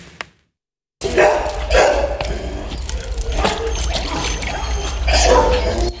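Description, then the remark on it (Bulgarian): Several of over 100 stray dogs at an animal shelter bark and yelp amid splashing and trickling water as they cool off in pools during hot weather, a lively, busy outdoor scene with steady background noise and a low rumble. “Сянка, повече вода и басейни разхлаждат над 100 бездомни кучета в приюта на фондация Animal Rescue.”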